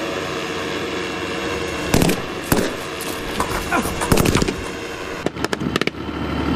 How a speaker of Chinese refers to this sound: 恐怖分子负隅顽抗，开枪射击，突击分队立即在无人机火力掩护下乘全地形突击车快速抵近目标建筑，突入室内实施抓捕。